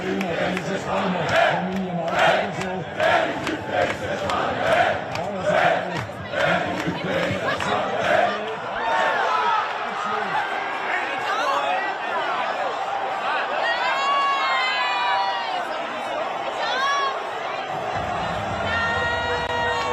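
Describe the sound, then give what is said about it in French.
A large crowd of Austrian football fans in a fan zone chants loudly in a steady rhythmic pulse, then breaks into a continuous roar of cheering, shouts and shrill whistles. “Devenir culte parce que les Autrichiens, tellement enthousiastes dans la fan zone, et puis arrive la clim espagnole.”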